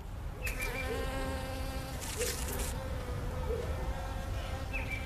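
A steady, dense hum of many honeybees buzzing around a backyard hive, with overlapping drones rising and falling as individuals fly past, continuous throughout with no voices.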